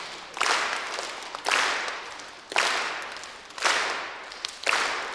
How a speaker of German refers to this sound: Und dann würde ich sagen, machen wir die Aufgabe, ihr klatscht auf der Eins. Und auf und drei. Auf der Drei. Genau, auf der Drei.